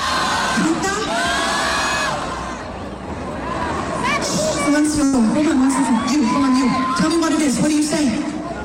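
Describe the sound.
A large concert crowd shouts and cheers continuously, chanting 'que se encuere' and 'mucha ropa' at the singer, a dense wall of overlapping voices with higher whoops and yells rising above the steady roar throughout.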